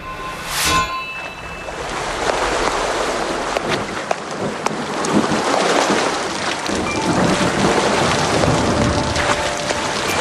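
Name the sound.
rain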